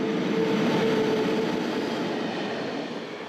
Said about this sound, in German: Wir fahren nun mit unserem Probegüterzug hinein in die Weströhre des Gotthard-Basistunnels. Mit Tempo 100 benötigen Güterzüge rund 35 Minuten für die Fahrt durch den Tunnel.